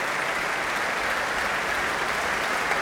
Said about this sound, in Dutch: En hier een mega groot applaus. Inmiddels een staande ovatie voor James Ennis.